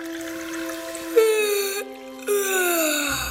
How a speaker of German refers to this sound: Na, junger Mann. Halt doch bitte wenigstens beim Gähnen die Hand vor den Mund.